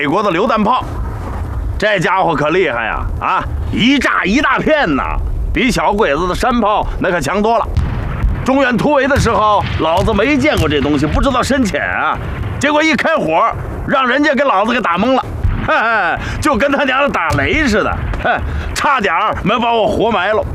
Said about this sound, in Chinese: 这是美国的榴弹炮，这家伙可厉害呀！啊，一炸一大片呐，比小鬼子的山炮那可强多了。